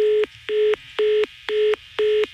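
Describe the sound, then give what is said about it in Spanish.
After a woman hangs up on a prank call from the radio station 93.3, a line tone sounds in five evenly spaced beeps, each about a quarter second long, steady and fairly loud, with no voices. “Esa colgada de teléfono y una mentada de madre es lo mismo.”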